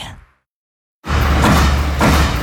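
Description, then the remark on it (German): After a brief fading sound and a second of silence, a sheet metal stamping press in series production hits with an abrupt clack, each clack producing a finished sheet metal part, giving way to loud, steady machine roar over a low hum. “Jeder Klack, ein fertiges Blechteil. So klingt effiziente Serienfertigung.”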